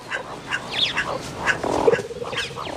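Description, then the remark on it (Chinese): A wild cat, hunting, lets out a short, low, rough growl lasting about half a second into a burrow to flush out the small animals inside, while scattered high bird chirps and twitters sound before and after it. “有一个捕猎绝招，他会对着洞穴发出低吼，把里面的小动物吓出来。”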